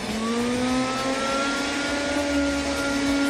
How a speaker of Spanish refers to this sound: Bueno, ahí te voy a pasar la aspirada.